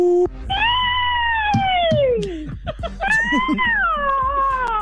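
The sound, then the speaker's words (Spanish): A woman's voice, auditioning over the phone, imitates a witch, but it comes out like a cat's yowl: two long, wavering, drawn-out cries, fairly loud, with breathy bits between them. “Después del sonido digital, me hace falta que usted haga el sonido de la bruja.”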